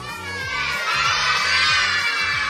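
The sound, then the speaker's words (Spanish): A group of children shouts out the answer 'la ballena' (the whale) together in Spanish, loud and energetic, their voices merging into a sustained crowd-like roar with repeated rhythmic syllables over about two seconds. “A ver, ¿cuál era la respuesta fuerte?”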